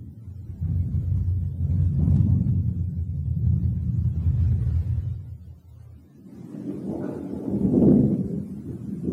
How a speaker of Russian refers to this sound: С неба давно уже исчезли краски заката. Деревья слились в сплошную черную массу, изредка озаряемую вспышками молний. Надвигается гроза.